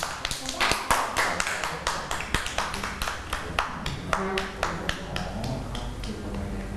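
A group of children clap their hands in a loose, uneven burst of applause, many sharp overlapping claps close by that run for several seconds before thinning out.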